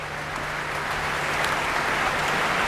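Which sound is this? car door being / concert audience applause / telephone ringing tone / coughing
concert audience applause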